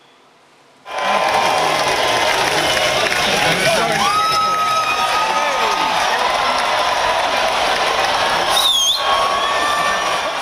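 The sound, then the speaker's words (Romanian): After a brief quiet moment, a large outdoor crowd at the annual cheese-rolling race in a village in England, where dozens of people chase a rolling wheel of cheese down a steep 200-metre slope, erupts into loud, sustained cheering and shouting, with a few whistles and shrill cries rising above the steady roar. “Într-un sat din Anglia a avut loc ediția anuală a celebrului concurs de alergat după brânză.”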